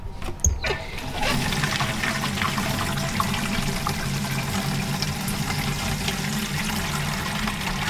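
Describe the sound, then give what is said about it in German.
Water gushes steadily from a tap at a water intake point into a water canister, a continuous rushing splash that starts abruptly after a brief clunk and holds at an even level throughout. “Ja, Schild, Wassereinnahme. Und das hole ich mir im Kanister jetzt.”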